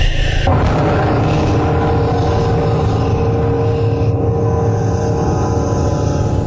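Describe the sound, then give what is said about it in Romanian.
A thunderbolt strikes with a sudden loud crack after a brief moment, then a heavy, deep rumble rolls on steadily for about six seconds beneath a droning low hum. “Don Juan, cel ce stăruie în păcat piere de moarte cumplită și îndurarea cerului pe care o respingi lasă drum slobot trăsnetului.”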